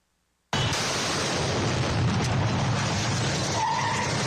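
After a brief silence, a car bomb explosion in front of the Mall del Sol in northern Guayaquil on 14 October 2025 bursts in abruptly and loud, followed by a sustained, harsh roar of noise that stays at full intensity to the end, with no voices.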